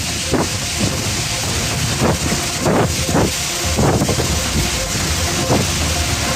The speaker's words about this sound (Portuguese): Vila Nova de Foscoa, o temporal sentiu-se com muita intensidade. As imagens mostram chuva, vento, trovoada.